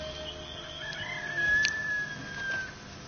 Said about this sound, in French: Et une petite aurore. Et le coq. Et le coq.